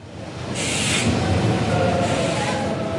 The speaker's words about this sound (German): Mit einem ICE aus Leipzig, der am 26. Mai um 18.03 Uhr langsam auf Gleis 6 einfährt, ist er eröffnet. Der Berliner Hauptbahnhof.